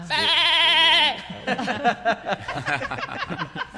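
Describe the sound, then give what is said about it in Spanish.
A goat bleats once, a loud, quavering cry lasting about a second, and then people start talking rapidly right after it. “era una cabra y yo lo convertí en humorista”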